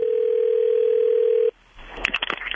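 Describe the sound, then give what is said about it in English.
A steady, mid-pitched ringback tone on an outgoing phone call, placed to call someone back, holds for about a second and a half, then cuts off abruptly into hissy line noise and a few crackling clicks as the call connects. “We gotta call him back.”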